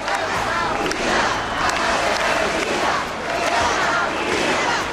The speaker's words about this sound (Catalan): Els crits en favor d'Espanya, les banderes i els càntics contra el president Pedro Sánchez protagonitzaren la cita.